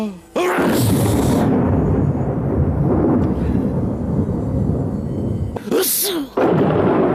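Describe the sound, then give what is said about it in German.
A loud, sustained roll of thunder rumbles heavily for several seconds, then breaks into a sharp, hissing crack near the end before the rumble resumes. “Sehr lustig auch, wenn Zeus niest, dann hört selbst, donnert's auf der Erde.”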